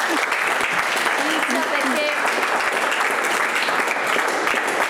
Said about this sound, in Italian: Un applauso.